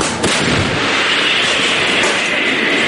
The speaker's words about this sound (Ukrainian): Дрони, керовані авіабомби, ворог тисне, але й артилеристи щодня добряче насипають по ворогу і зривають їхні наступальні операції. Постріл!